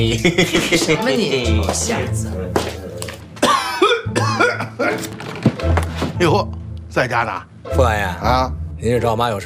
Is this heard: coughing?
yes